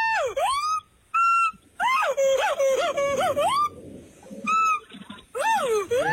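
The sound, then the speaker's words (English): A howler monkey calls out in a run of loud, wavering wails, each rising and dipping in pitch, with several bursts separated by short pauses and no talking. “No, it's actually a howler monkey.”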